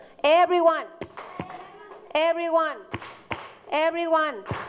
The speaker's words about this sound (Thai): โอเคทีนี้ประเดี๋ยว everyone ตบมือค่ะ